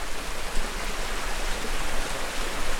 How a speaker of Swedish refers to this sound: John Pendry, en av föregångarna inom området, har beskrivit det som en sten i en bäck där vattnet strömmar förbi på båda sidor och sluter sig nedströms stenen och strömmar vidare.